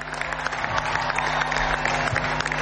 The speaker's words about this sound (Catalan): Un fort aplaudiment, sisplau, per tot aquest staff i per suposat pel nostre entrenador Pere Romeu.